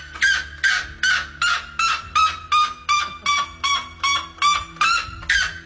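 A very loud, piercing call of a white bellbird, the world-record loudest bird, repeats in rapid, regular bursts, about a dozen ringing notes in under six seconds, harsh and sounding like a car alarm, with no voices over it.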